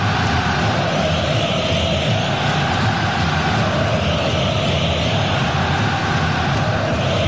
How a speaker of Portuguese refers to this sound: Festa, a torcida do Atlético, num grito muito forte, numa explosão muito grande. É o Galão da Massa em campo pro jogão.